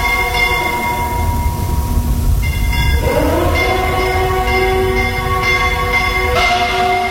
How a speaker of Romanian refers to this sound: Sirena asta înspăimântătoare și clopotele. De ce oare ceața face să ți se pară totul trist?